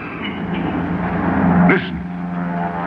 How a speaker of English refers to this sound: Listen. Yeah, it's a plane. So that's what was the matter with Fingers. Where is it? There, see? There it is. Plenty high, but it's up there.